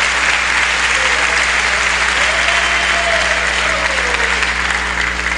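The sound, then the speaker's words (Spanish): An audience applauds loudly and steadily in praise of God during a sermon, a dense wash of clapping that fills the whole clip with no pauses, a faint hum running underneath. “Dele fuerte el aplauso a este Dios maravilloso.”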